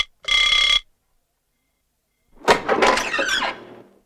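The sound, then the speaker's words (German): A short, bright doorbell buzz sounds once as a castle hotel employee rings at the door at 10 a.m., followed by a pause and then a longer, rougher burst of noise like a door being opened. No one speaks. “10 Uhr vormittags klingelte ein Angestellter des Schlosshotels an der Tür des Lords.”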